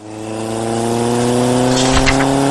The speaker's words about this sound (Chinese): 深夜，在黄土高坡的盘山路上，一辆摩托车突然失控，砰的一声，连人带车滚下3米陡坡。